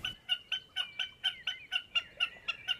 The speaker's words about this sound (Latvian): Un lai arī tajā vietā ķikuts varētu dzīvot, tā visticamāk tomēr bija mērkaziņa, kas ir samērā bieži. Lai gan pārliecināt mēs arī vēl līdz šim brīdim neesam.